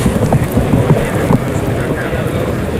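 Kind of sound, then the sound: animal, horse hooves clopping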